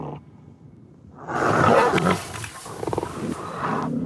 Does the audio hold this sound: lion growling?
yes